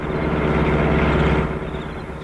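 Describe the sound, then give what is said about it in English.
A car approaching on a road: its engine rumbles steadily, a low droning hum that eases off slightly near the end, with no voices. “Car is coming.”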